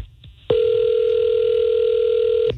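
A steady telephone dial tone switches on abruptly after a brief quiet moment and holds at one constant mid pitch for about two seconds before cutting off as a phone call is placed, with no talking over it.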